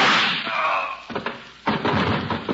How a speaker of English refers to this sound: Holy smoke. Those shots came through the transom.